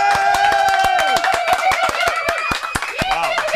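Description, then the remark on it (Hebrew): A burst of audience applause with many hands clapping in quick, uneven bursts, loud, along with a few faint cheers or voices mixed in. “איפה, איפה כפיים”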